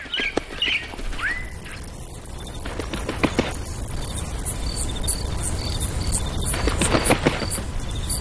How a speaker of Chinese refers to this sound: 鸟语欢歌，奏起大自然的乐章。晨曦初上，这悠扬之声成为大自然的主旋律。